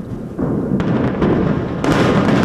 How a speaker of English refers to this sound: Israel says it's demolished an underground tunnel network built by Hezbollah in southern Lebanon, with explosions so huge they caused an earthquake.